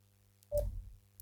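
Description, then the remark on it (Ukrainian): A short electronic phone-line tone with a soft thump as an incoming telephone call is connected, heard once over a faint steady low hum. No one speaks. “Маємо телефонний дзвінок.”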